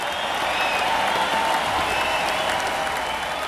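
A large arena crowd at The Summit in Houston in the mid-1980s welcomes a band as heroes, applauding and cheering in a dense, steady roar of clapping and voices, loud and continuous throughout with no pauses or individual speech.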